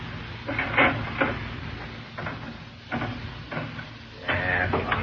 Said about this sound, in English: Yeah. He's out in the back room now, playing the slot machine.